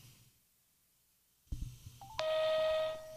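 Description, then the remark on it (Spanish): A few short phone beeps lead into a steady, loud electronic dial tone that holds for about a second before cutting off, with faint handling noise underneath, as a call is placed back to a missed caller. “Voy a llamar a la persona que me estaba llamando para ver qué era lo tan urgente.”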